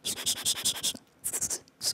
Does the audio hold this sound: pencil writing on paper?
yes